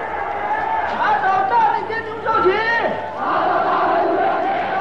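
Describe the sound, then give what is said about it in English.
A dense, vengeful crowd in a stadium roars and shouts together, a loud, sustained wall of many voices with rising chant-like cries, continuous for the whole stretch. “Thousands of them are arrested, beaten, tortured, and humiliated in stadiums that shake with the roars of the vengeful crowd.”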